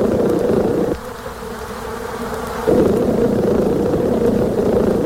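A steady honeybee buzz drones continuously, with a brief dip in pitch and loudness partway through before the full hum returns. No one speaks.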